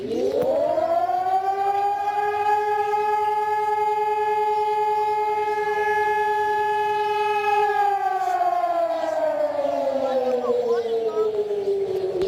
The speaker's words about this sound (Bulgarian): точно в 12 часа всички присъстващи отдадоха почит към паметта на Христо Ботев, Васил Левски и всички загинали за свободата на България под звука на акустичния сигнал от сирените в цялата страна.